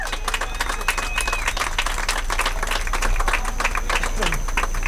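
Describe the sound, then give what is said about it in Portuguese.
An audience at a concert by a band breaks into steady, loud applause, a dense wash of many hands clapping that holds for the whole stretch, with a few scattered voices and cheers mixed into the noise. “Uma salva de palmas.”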